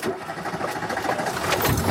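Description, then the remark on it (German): A Renault 4 car engine cranks and catches, its rattling mechanical drone growing steadily louder and rougher over a couple of seconds, with no talking, at a weekend Renault 4 meeting in Prozelden, Miltenberg district. “Und das haben Renault-Fans am Wochenende gefeiert beim großen R4-Treffen in Dorf Prozelden im Landkreis Miltenberg. Und das hört sich dann so an.”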